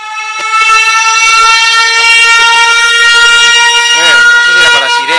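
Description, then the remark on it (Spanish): A loud, sustained horn blares for the whole clip, a steady, rich, buzzing tone with a wavering, warbling stretch near the end. “No sé si era para sirena.”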